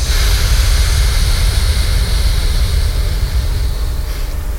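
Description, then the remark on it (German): A steady, loud rushing hiss of many people breathing out together during a breathing exercise, sustained for several seconds like surf on a shore, with a heavy low rumble beneath and no talking. “Also wir sind wie das Rauschen des Meeres. Ja, hab das ausatmen.”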